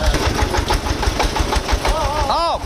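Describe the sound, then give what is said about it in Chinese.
A tractor engine runs steadily, its low, rhythmic knocking throb continuing throughout, as tractors are loaded to haul eight tons of fodder to a village at night; a voice briefly calls out over it near the end. “四个拖拉机拉八吨， 八吨， 拉八吨，注意到，注意到，后面上面往下滚，等拖拉机放到这儿，我们往下敲嘛。”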